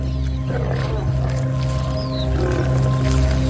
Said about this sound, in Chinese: 随着太阳升起，狮子们继续大快朵颐。